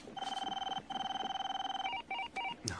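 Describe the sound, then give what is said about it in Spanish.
A telephone rings with a rapid warbling trill, loud, pausing briefly before a few shorter chirping bursts at the end, with no voices present. “Va a contestar el teléfono.”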